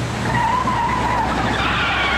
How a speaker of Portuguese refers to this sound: Chefe está digitando. Chefe está freando.